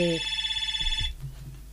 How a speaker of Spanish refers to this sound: En fin, está sonando el teléfono.